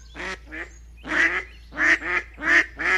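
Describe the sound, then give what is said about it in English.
Six nasal, harmonic bird calls in uneven pairs, like ducks and geese quacking and honking on a lake. The later calls are louder, and there is no talking. “Now that he's a toddler, we watch raptors soar over parks and swans, ducks and geese paddle across lakes.”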